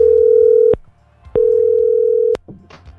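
Two long, steady ringback tones sound on a phone line during an outgoing call from Radio Metro, each about a second long with a short silent gap between them, clear and fairly loud, followed by faint line noise.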